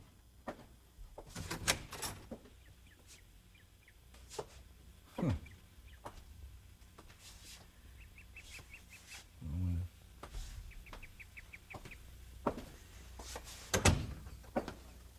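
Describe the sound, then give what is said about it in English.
The front door of a home is opened at dinner time, with several sharp knocks and clunks of the handle and latch, plus a low creak midway. Faint chirping sounds in the background. “Somebody comes to the door.”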